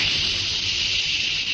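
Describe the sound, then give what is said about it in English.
A steady, continuous jet of moisture sprays with a hiss for about a second and a half, bright and airy with a faint low rumble beneath, even loudness throughout, no voices; used in an advertisement for the moisturized Rowley 903 cigarette. “That jet of fresh pure moisture stands for the new, all-new Rowley 903 cigarette.”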